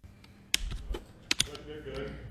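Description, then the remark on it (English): Fingers of students typing on computer keyboards during a class in a Rochester STEM program, as they work through questions on artificial intelligence: scattered, irregular keystroke clicks, a few sharper taps standing out, fairly quiet, over a low murmur of room noise. “Fingers tap across their keyboards as local students ponder complicated questions on artificial intelligence.”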